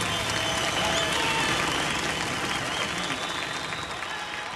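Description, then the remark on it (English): A large live audience at the 1972 Concord Jazz Festival applauds steadily, a dense, sustained wash of clapping with crowd murmur that stays loud throughout and eases only slightly toward the end. “And the crowd seems to like it.”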